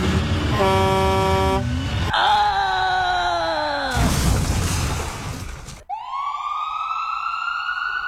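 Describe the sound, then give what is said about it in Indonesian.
Car horns honk in a traffic jam, one long steady blare followed by lower bending tones, a burst of street noise, then a loud rising, siren-like wail. “Ya, macet lagi.”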